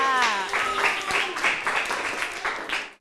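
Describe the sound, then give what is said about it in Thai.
An audience claps steadily for a few seconds for the fourth group's performance, a dense patter of hands at moderate volume, with a voice briefly audible at the start before the clapping fades out. “ต่อไปค่ะขอเสียงปรบมือให้กับกลุ่มที่4ในการแสดงค่ะ”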